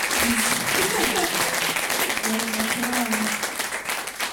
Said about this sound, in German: Können wir noch mal einen Applaus machen